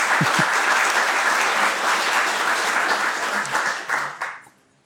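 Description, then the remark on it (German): An audience applauds in a steady, dense wash of many hands clapping. It stays loud for about four seconds, then thins out and dies away quickly at the end. “Ja, gerne Applaus.”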